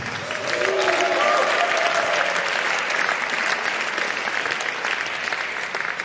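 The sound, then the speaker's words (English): A crowd bursts into sustained, steady applause for the keyboard player as the band members are introduced, with a few brief whoops rising over the clapping near the start. “Big round of applause for him.”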